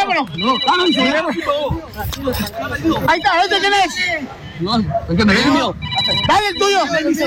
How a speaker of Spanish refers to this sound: el teléfono suena en su bolsa que tiene acá adelante el elemento de la marina, empieza a sonar el teléfono